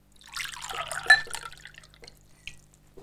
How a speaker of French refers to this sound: J'ai soif, je trouve une carafe d'eau et je me remplis un verre.